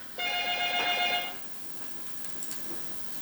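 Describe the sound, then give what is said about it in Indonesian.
A telephone rings with an incoming call from a regular phone to the radio programme Sirena Pace, in one sustained burst of bright, trilling bell tones lasting about a second, fairly loud, followed by quiet noise with a few faint clicks. “Oh ada minta upah teleponnya dari telepon biasa. Ku angkat ke dulu di.”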